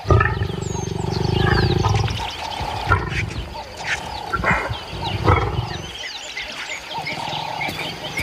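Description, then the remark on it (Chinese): A lion gives a deep, rumbling roar that is loudest over the first two seconds, followed by rougher growls and snorts, with faint bird chirps scattered above. “然后才轮到母狮首领，她怀有身孕，早已饥肠辘辘。”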